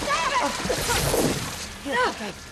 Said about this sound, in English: The branch snapped and Ruby fell into the water.